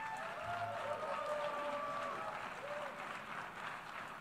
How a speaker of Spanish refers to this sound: Aplaudido por los pocos asistentes en esa Asamblea General de Naciones Unidas.